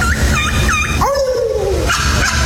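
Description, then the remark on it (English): A person imitates a turkey call, as an entry among the top turkey callers for 2026: three quick, high, rising yelps, then one long wavering note sliding downward, over a steady low rumbling background. “But what about a champion turkey? The top turkey callers for 2026.”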